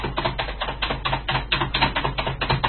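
Rapid, steady clatter of typing on a computer keyboard, keys struck in quick uneven bursts, fairly close and moderately loud, with no voices over it.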